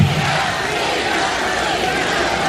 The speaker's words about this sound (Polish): Kibice na trybunach wiwatowali na cześć Igi Świątek, z którą inne tenisistki nie miały najmniejszej szansy.